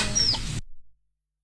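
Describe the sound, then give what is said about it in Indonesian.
A single brief, fairly sharp cluck from a real chicken, lasting barely half a second before cutting to silence, with no voices around it. “Malah wawancara sama ayam beneran.”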